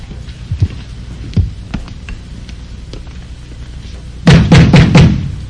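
A few scattered thuds give way to a burst of heavy, rapid pounding knocks on a door near the end, loud, with no voices.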